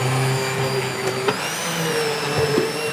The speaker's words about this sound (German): Zuerst kocht er in einem großen Topf Kartoffeln. Wichtig, sie müssen komplett mit Salzwasser bedeckt sein. Mit einem überdimensionierten Pürierstab mixt Markus Zimmer sie.